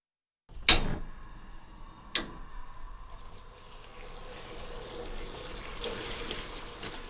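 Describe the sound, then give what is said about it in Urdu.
Two sharp clanks ring out near the start. Then water boiling in a pot, to be used for cooking broccoli, makes a steady bubbling, hissing wash that carries on at moderate loudness, slowly building toward the end. “ایک برتن میں پانی ابال لیجئے.”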